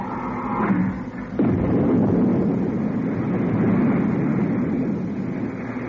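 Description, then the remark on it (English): After a brief humming, tonal opening, a loud, steady roar of retro rockets, fired by pressing the retro rocket firing switch, bursts in abruptly and rumbles on without letup, broad and deep, with no voices. “I've removed the safety cover from the retro rocket firing switch. I'm pressing the switch now.”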